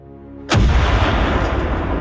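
A low, steady drone is cut by a single sudden cannon blast, from the British bombardment of Copenhagen on the evening of 2 September 1807; its heavy boom rolls on into a long, loud rumble that fills the rest of the moment.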